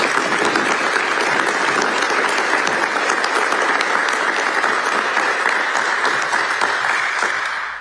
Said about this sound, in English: We thank you, and once again, a round of applause for everyone who has made this day possible.